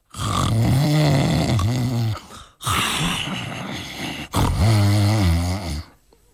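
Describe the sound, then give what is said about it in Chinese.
A performer voices three long, loud snores in a row, each a rumbling, throaty drone with a brief pause between, imitating a man sleeping heavily on a bed in a prison cell. “干干净净的床上摆着里面三新的新被或新褥子，上边躺着一个人，这呼噜是打得震天响啊。”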